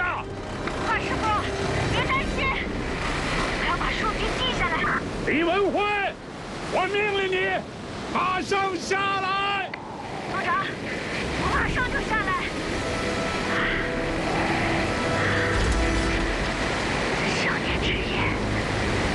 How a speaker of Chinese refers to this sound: 大海上今天九级大风，他不要命了。